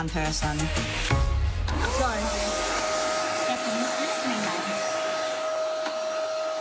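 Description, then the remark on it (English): Brief harmonic, voice-like tones give way to a loud, steady whooshing drone with a constant high whine, a vacuum cleaner imitation that runs without a break to the end. “The other one's miming vacuum?”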